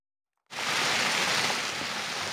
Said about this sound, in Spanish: Esta que ven y que escuchan es la fuerte tormenta que ha caído esta madrugada en el País Vasco. Una fuerte tromba de agua y granizo que también podría repetirse esta tarde.